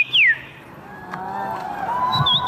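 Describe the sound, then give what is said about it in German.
A person whistles a quick downward-sliding birdlike note, then softer trilling, wavering tones imitating birdsong, with a murmuring crowd in the background, at an annual birdsong imitation championship in Warsaw, Poland. “Denn in der polnischen Hauptstadt findet einmal im Jahr die Meisterschaft im Nachahmen von Vogelstimmen statt.”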